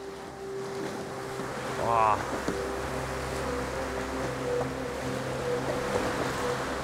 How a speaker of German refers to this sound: Die Wellen sind nicht ohne und der Höhleneingang scheint mir relativ eng zu sein.